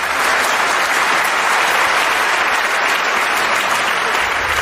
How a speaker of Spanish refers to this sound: Oigan. ¿Por qué aplaude toda esa gente? Ah, no. Por nada, es que han visto la película muchas veces.